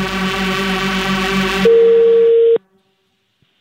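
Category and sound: signal or alarm, telephone tone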